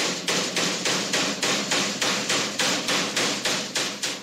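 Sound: hammer blows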